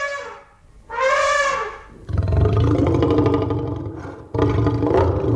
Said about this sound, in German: Ich weiß zum Beispiel, dass es bei dem T-Rex in Jurassic Park Laute von Elefanten und von Löwen sind, die irgendwie kombiniert worden sind.